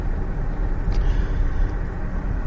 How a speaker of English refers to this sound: So again, I'm up at 65 miles an hour on, albeit, one of the better pieces of tarmac in Northamptonshire. But it is wafting along, even on these big wheels